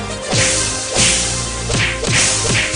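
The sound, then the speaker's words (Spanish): Five loud, sharp slapping sound effects crack out in an uneven rhythm, each a bright whip-like smack with a quick swish, over a steady low musical hum. No one speaks. “A pura bofetada y cachetada guajolotera lo tiene.”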